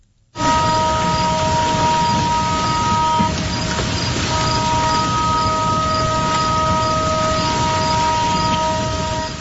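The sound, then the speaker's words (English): The warning siren of Roseland's lightning detection system blares a steady, sharp foghorn-like horn tone, slightly high-pitched, holding loud and unbroken for several seconds over a rumbling background, with no talking. “It is a siren. It's sharp. It's like, it's almost like a foghorn, it kind of sounds like, maybe a little higher pitch.”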